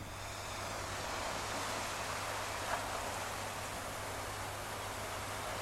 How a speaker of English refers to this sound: By the way, she recorded it by the shore. That's why you hear some sounds of waves.